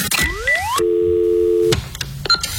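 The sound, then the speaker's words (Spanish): A bar's landline telephone plays line tones before its answering machine picks up, with no one talking: rising electronic sweeps, then a steady hum-like tone lasting about a second, followed by a few short beeps, clear. “me ha llegado al teléfono fijo del garito un mensaje que yo creo que más experto no hay nadie.”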